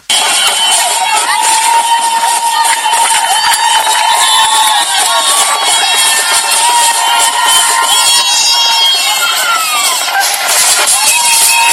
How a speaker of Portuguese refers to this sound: Uma enorme multidão esteve esta manhã no Aeroporto Internacional da Cidade da Praia para receber os Tubarões Azuis após a participação no Mundial 2026.